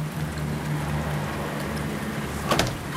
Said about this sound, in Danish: Overalt i luften er der regndråber. Og hver gang en af dem lander på fortovet, eksploderer den i en lille dryppelyd. Tusindvis af dryppelyd danner kulissen den her morgen i den amerikanske olieby Tulsa.